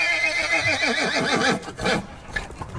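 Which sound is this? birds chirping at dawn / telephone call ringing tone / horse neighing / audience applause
horse neighing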